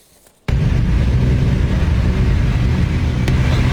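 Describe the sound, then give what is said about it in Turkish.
After a brief quiet moment, the loud, steady roar of an unplated motorcycle engine kicks in abruptly and continues with a heavy low rumble and no voices, as the rider performs acrobatic stunts in traffic on the Çekmeköy-Şile road in Istanbul, Turkey. “Bir sürücü plakasız motosikletiyle akrobatik hareketler yapıp trafiği tehlikeye attı.”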